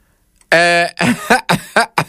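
A loud voiced throat sound followed by a quick series of four short, sharp coughs in an uneven rhythm, with nothing else around them.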